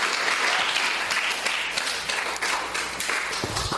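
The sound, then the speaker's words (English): A crowd at a camp applauds Minister Leibert, the parents and the sponsors. Dense overlapping claps form a continuous rattling wash at even loudness for several seconds, with a few sharper individual claps standing out. “So let's give Minister Leibert and the parents and the sponsors a round of a clap, please.”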